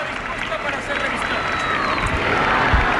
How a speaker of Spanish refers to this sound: y bueno, pues es lo que lo que estamos viendo en estos momentos, y los aplausos del público y los vivas, los vivas, sí, naturalmente, sí.